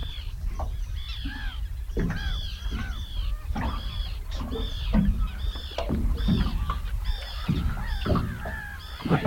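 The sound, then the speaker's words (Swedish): Harsh, grating calls of common terns repeat in quick succession, several overlapping as if from a group, out at sea in the morning, over a steady low rumble of wind or water. “Men det där var en vanlig fisktärna. Jag måste nästan lyssna lite bara på det här fina ljudet.”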